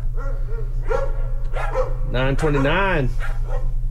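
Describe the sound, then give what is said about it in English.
Dogs bark and yelp in a quick series of bursts, the last few rising and falling in pitch like whining howls, fairly loud over a steady low hum. “Oh, the dogs.”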